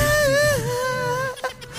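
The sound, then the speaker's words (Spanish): A crying woman lets out a high, drawn-out wail with a thin, whistling tone like a kettle, held steady for over a second before breaking into a brief catch. “Está llorando, es una tetera.”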